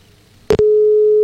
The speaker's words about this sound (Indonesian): Masih berdering ya sobat di sana.